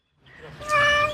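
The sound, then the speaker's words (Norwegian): A cat in Kyiv, Ukraine, that escaped an overnight drone attack with its owner gives a single drawn-out meow, fairly loud, rising into a bright, tonal cry that lasts about a second before fading slightly. “Denne katten og eieren hennes slapp unna med skrekken.”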